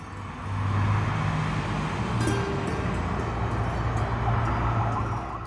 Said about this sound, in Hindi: अरे ये इतनी सारी लग्जरी गाड़ियां एक साथ, और पीछे मीडिया की गाड़ियां भी हैं, क्या हो क्या रहा है ये?